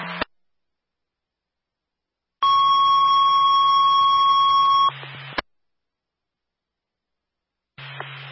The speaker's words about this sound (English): We're going to test the medical alarm system again. Let me know if you get it.